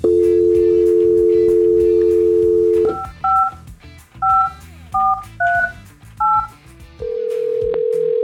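A steady dial tone hums for a few seconds, then about six touch-tone key beeps are punched in an uneven rhythm as a phone call is placed, followed by another steady tone. Loud, no voices.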